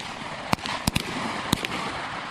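Several sharp gunshots from an AK submachine gun crack out at irregular intervals, a pair close together among them, over steady outdoor background hiss on a training range during a live-fire shooting test by cadets of the Military Region 3 military school.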